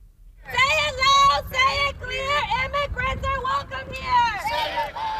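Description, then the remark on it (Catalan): A crowd shouts and chants in unison at an improvised street protest in Houston, Texas, over the fatal shooting of a Mexican migrant by an ICE agent; loud, rhythmic voices rise and fall continuously over a low rumble of traffic. “Són els crits d'una protesta improvisada a Houston, Texas, on l'FBI investiga la mort a trets d'un migrant mexicà a mans d'un agent de l'ICE, el Servei d'Immigració i Control de Duanes.”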